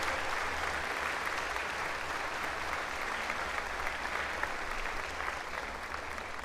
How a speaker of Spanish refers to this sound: Y enseguida este aplauso, pues también a todos los que han colaborado, la reina, la princesa, que también el día de hoy nos acompañaron. Que Dios los bendiga a todos por su trabajo. Ustedes dense un aplauso por ese trabajo tan bonito, tan grande.